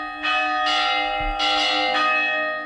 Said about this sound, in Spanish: El sonido de las campanas ha servido también durante siglos para comunicar a grandes distancias gracias a los campanarios de los pueblos.